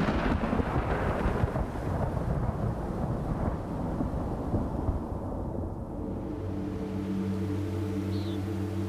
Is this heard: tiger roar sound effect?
no